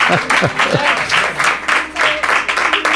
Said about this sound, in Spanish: Qué bien suenan esos aplausos, qué bien suenan.